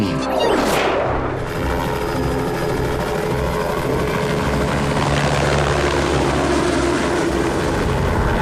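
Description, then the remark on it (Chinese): A steady, loud propeller buzz from monitoring drones hovering overhead in thick fog, with a quick whooshing sweep near the start, then a continuous droning hum with no voices. “不好，有架无人机的信号消失了。”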